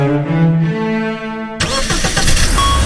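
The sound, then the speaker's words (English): A car engine starts up loud: a steady whirring crank for about a second and a half, then it suddenly catches and roars into a rough, rumbling run. No voices. “Love your engine?”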